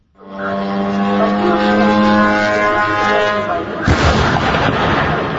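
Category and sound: vehicle, drone flying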